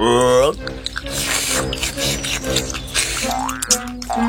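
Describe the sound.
A frog named Tiddly drinks fresh water at a riverbank: wet, squishy gulping and slurping repeats in quick succession, fairly loud, framed by short voiced, gliding tones at the start and end.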